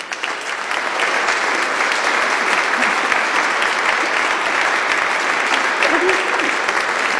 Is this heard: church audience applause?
yes